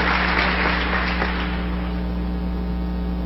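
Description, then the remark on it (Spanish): A church audience applauds for the brethren in a dense wash of clapping that thins and fades after a second or so, leaving a steady low electrical hum underneath. No one speaks. “Un aplauso para mis hermanos.”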